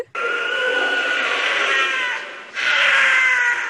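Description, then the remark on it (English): A wild cat lets out two long, harsh screams, a mating call, the first lasting about two seconds and the second rising right after a brief dip, loud, high and strained like a woman shrieking. “The most remarkable thing about them, I think, is the scream. Well, some people think it sounds like a woman screaming.”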